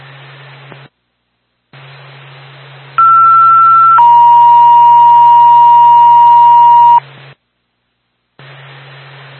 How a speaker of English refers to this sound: Second tone with a Bethel and Ambulance to Littleton. 77 Reddington Street, an 84-year-old male lift assist.